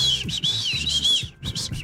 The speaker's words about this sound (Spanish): Un silbato. En caso de pedir ayuda, ¿sí ven? Un silbato.